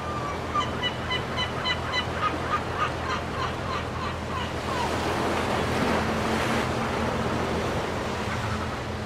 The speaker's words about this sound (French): Bon, eh bien, ceci dit, et on va repartir sur le Rhode Island. On va retrouver les côtes avec la mer, les mouettes et puis les poissons.